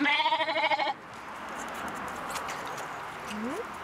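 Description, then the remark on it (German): An orphaned lamb, one of two sibling lambs, lets out one loud, quavering bleat, then it fades into a soft, hissy outdoor background with a faint short call near the end. “Also die zwei sind Geschwister. Die waren auch im Milchviehbetrieb von Schafe.”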